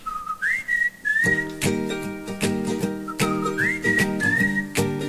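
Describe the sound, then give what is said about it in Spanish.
A bright whistled melody with sliding notes opens the song, soon joined by a steady band accompaniment with bass and rhythmic instruments, the whistled phrase repeating over the music. “A mi retorno estaremos escuchando una canción que empieza con un silbidito que estoy segura que te voy a hacer escuchar un pedacito y tú ya sabes de quién se trata y ya lo estarás cantando.”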